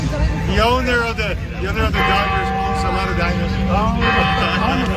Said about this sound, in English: And the bells in the background, dinosaurs, old clanging bells. It just kind of seemed to fit, when he said that.